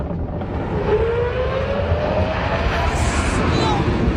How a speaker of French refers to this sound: Voilà, je vous rappelle que c'est pas un avion, hein, c'est un grand 8. C'est spectaculaire, c'est indécent pour du divertissement